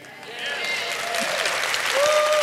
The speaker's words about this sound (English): Now, hold on for a second. That was about the weakest applause I've ever heard in my life. Now, come on.